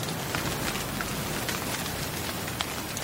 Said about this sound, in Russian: Ой, какой дождь.